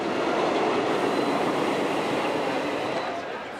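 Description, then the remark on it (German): A steam train, the first train over the Lötschberg in 1913, runs along the rails in a steady, dense rumble and hiss that holds loud throughout, easing off slightly in the final moment. No voices are heard. “Der erste Zug über den Lötschberg 1913.”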